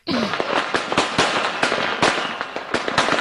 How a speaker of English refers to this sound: Those are fireworks. Fireworks. Yeah, those are fireworks. I was going to say gunshots. Started with an easy one.